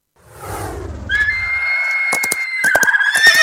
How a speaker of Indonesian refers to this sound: Ya, hewan ini adalah keledai. Keledai dalam bahasa Arab adalah himarun.